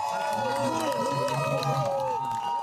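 Spectators at a women's football penalty shootout cheer and shout together, loud, a dense sustained roar of overlapping whoops lasting a few seconds without letting up.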